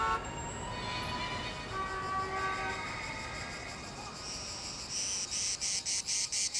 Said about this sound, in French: Ouais, c'est l'été. Les cigales chantent, à condition qu'il y ait des cigales à Los Angeles, bien sûr.